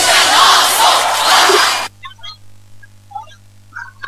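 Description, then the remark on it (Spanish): A crowd applauds and cheers loudly for runners arriving at the 10K Tenaris race in the streets of Campana, a dense wash of clapping for about two seconds that cuts off abruptly, leaving near quiet with a few faint scattered sounds. “Bien, siguen arribando los competidores. Los aplausos, justamente 21 minutos se van a cumplir de competencia.”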